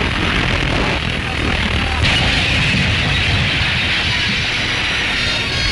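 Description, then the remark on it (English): A steel bridge, its girders twisted and warped under the strain, collapses and crumbles onto the ice jam beneath as a loud, continuous rumbling roar that holds steady for several seconds, briefly shifting in tone partway through, with no clear voices. “Crumbling down upon the ice jam beneath, the shattered derelict seems to mock the handiwork of man, overcome once again by the might of nature.”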